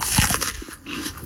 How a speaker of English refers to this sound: Or the first bite of a Honeycrisp apple.